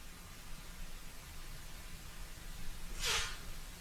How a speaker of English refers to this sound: You know, forgive me. I'm going through a sneezing fit. My allergies are killing me. So if I'm silent, it's because I'm sneezing.